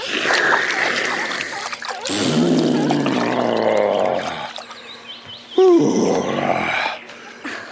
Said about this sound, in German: So, und noch ein Schluck. Ja, jetzt geht's mir besser. Und noch ein Schlückchen in den Rüssel und dann über den Rücken gießen.